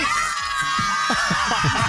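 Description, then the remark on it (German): A crowd of schoolchildren from the Pestalozzi school shrieking and shouting as they celebrate their last day of school with radio station Ostseewelle, riding a tractor pulling a Kremser wagon: a loud, continuous wash of high-pitched excited voices with bursts of cheering and laughter. “Und Leute, so hört es sich an, wenn Ostseewelle den letzten Schultag feiert. Ich würde sagen, hier auf dem Wagen ist Party, ist hier Party!”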